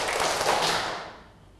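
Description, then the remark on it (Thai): One burst of hand clapping as a class claps once on a teacher's instruction, a single clap that sounds slightly ragged and smeared, bright and fairly loud, then fading away over about a second with no talking. “ทุกคนนั่งตัวตรงปรบมือหนึ่งครั้งเอาใหม่สิคะปรบมือหนึ่งครั้ง”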